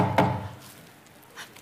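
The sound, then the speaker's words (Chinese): A courier delivering a parcel gives a single solid, fairly loud knock on a wooden door, followed after a pause by a much fainter tap; no one speaks. “我去开门。”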